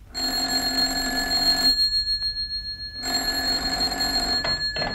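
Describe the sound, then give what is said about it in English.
An office telephone rings loudly at 7 a.m. on a Sunday in two long, harsh, buzzing bursts with a short silent pause between them; no one speaks. “I was on the verge of leaving the office after a fairly hectic night when the phone rang.”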